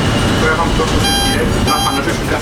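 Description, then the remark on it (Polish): A tram's reversing warning signal sounds twice, two bright, buzzy electronic tones with a short gap between them, over a steady low rumble of noise, as the tram is reversed from its rear control desk during the tram Children's Day at the MPK depot in Podgórze, Kraków. “To kolega nam cofnie z tylnego pulpitu, ja mu tam oddałem, można powiedzieć, kontrolę nad pojazdem i on będzie wykonywał manewr cofania.”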